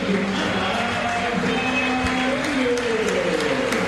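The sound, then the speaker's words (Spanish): In cold weather, a stadium crowd applauds the players, including Paredes and Merentiel, in a steady, dense wash of clapping, with crowd noise and scattered voices blended in. It holds at an even, moderate level throughout without building to a roar. “Hace frío y aplaudieron poco, a general a todos los jugadores.”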